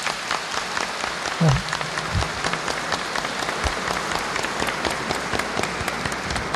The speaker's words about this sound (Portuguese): Então levante ele, vamos saudá-lo com uma salva de palmas.